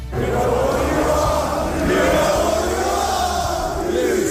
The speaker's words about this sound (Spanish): Esto se va a repetir durante lo que resta de temporada, al grito de tramposos repartiendo merchandising, chips, y con todo lo que va a pasar durante el partido en Anfield. Cada vez que tenía la pelota el City le han estado permanentemente abucheando